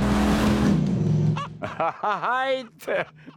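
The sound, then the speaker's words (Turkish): A powerful 8.3-litre engine fitted in a pickup truck roars loudly as it accelerates for about a second and a half, then drops away while a man starts talking over the quieter rumble. “Ve 8.3 litre ve 11 motorun kamyonete takılmasından daha iyisi olamaz. Ah, çılgınca hızlı bu.”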